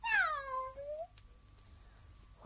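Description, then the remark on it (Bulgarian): A cat named Kiti lets out one drawn-out meow, loud, its pitch sliding downward before fading; a faint start of a second call follows at the very end. Nobody speaks. “Кити, не ме прекъсвай. Първо ти измилка два пъти”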